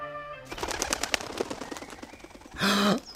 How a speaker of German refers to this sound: Der Rabe. Da hockt er wieder.